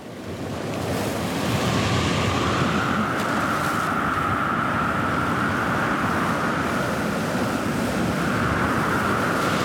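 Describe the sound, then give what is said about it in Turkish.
Steady sea surf washes in, a continuous broad rush of waves with some wind buffeting the microphone, as a sand-covered noni fruit is rinsed in the sea. No one speaks; the roar stays loud and even throughout. “Tamam, denizde yıkayacağım çünkü kumla kaplı.”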